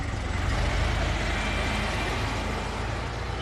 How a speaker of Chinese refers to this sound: 崔文泰边发动引擎边说：“ 瘸子汤面，我知道那个地方。”